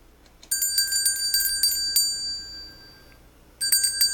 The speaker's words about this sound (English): Yeah, a bell. Because a lot of mediums, they tend to use bells whenever they're doing their thing.